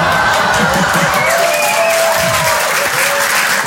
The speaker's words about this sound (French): Ouais, là, j'adore, parce qu'en général, les femmes applaudissent et eux, ils disent « Mais quelle connasse !»